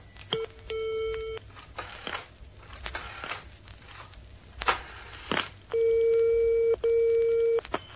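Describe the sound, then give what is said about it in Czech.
A shop manager dials a telephone to call security, with a series of clicks and short noises, then a ringing tone sounds in long, steady beeps from the handset, clear, with no talking. “Haló? Telefonoval hned vedoucí na bezpečnost.”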